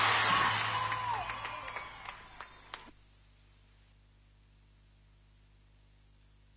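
An audience on Radio Buenos Aires claps and cheers, with a short whistle early on, the applause thinning out and stopping after about three seconds, followed by near silence.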